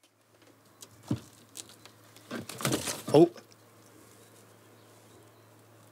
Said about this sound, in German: Sind alle drei Vögel sind noch drin, aber wie man vielleicht eben schon gehört hat, sind die ausflugbereit. Hier nisten Dohlen statt Schleiereulen.